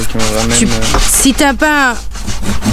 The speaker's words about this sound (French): Et en fait, on commence là et tu vois, regarde, ma scie, elle commence comme ça et elle va finir comme ça. C'est pour pouvoir prendre les premiers traits et en même temps, continuer le trait plus droit.